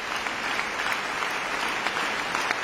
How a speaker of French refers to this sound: Et les applaudissements du public appellent maintenant les musiciens à revenir sur scène.